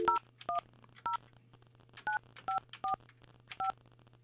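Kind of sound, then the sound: signal or alarm, telephone keypad dialing tones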